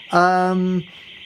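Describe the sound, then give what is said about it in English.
A car alarm blares: one loud, steady horn-like honk lasting under a second, over a continuous high-pitched electronic whine that runs throughout. Nobody speaks. “Right, hopefully you can hear me over the car alarm.”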